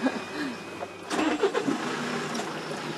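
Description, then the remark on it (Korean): An old-style Kia manual-shift truck engine cranks and catches after a quiet second, sputtering through a few uneven bursts before settling into a steady rumble. “옛날 스타일 기아다 이거. 뺏기하는 때. 트럭도 운전할 줄 아세요?”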